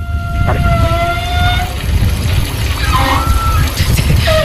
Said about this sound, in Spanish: No, de los gimnasios, como tiene muchas duchas, las tuberías son más anchas. Entonces, cuando empieza a pasar el agua caliente, supongo que vibrará ahora algo del estilo y hace un sonido parecido.